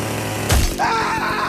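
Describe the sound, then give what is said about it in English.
A brief burst of noise gives way to a chainsaw engine revving up, its whine climbing in pitch over a steady, throbbing low rumble, loud. “Going to be telling you a story about a guy who nearly cut himself in half with a chainsaw.”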